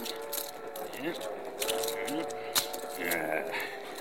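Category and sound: household object, keys jangling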